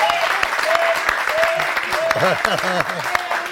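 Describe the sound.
An audience claps steadily, a dense crackling rush of many hands that holds at a strong, even level throughout, with some voices and whoops rising over the clapping.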